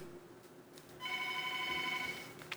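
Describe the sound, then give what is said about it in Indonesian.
A telephone rings once with a steady electronic tone lasting just over a second, clear against a low background hum, with no one talking: an incoming listener call to the radio program Ruang Rindu. “Baik pendengar, kembali kami terima nih ya, telepon berikutnya nih.”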